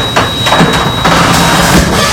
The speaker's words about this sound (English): Does your garage door always make that sound? Yeah, you get used to it.